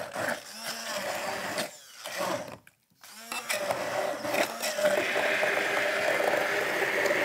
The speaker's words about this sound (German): So, unsere Erdbeeren geben wir also jetzt in das Glas und geben also jetzt zunächst mal in unseren Mixer hier rein. Bitte? Das duftet, riecht, ne? Schon lecker, ja. So, machen wir die erstmal klein.